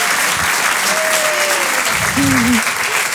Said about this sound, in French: C'est dingue ou pas? Applaudissez très vite, très fort.